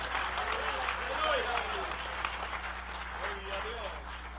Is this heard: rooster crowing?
no